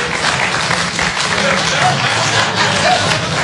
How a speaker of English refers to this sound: I won't say dirty. I won't say dirty. But clap if you are a little untidy. Maybe you're busy. You got stuff.